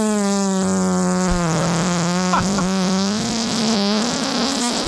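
A long, drawn-out fart with a steady buzzing, raspy tone that flutters slightly as it goes, loud and close for nearly five seconds with no talking.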